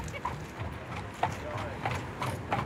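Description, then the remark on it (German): Horse hooves clip-clop on a 120-year-old bridge meant for pedestrians and cyclists, in a steady, uneven rhythm of sharp knocks, with a low rumble and some background voices. “Oh, Mensch, was für tolle Pferde!”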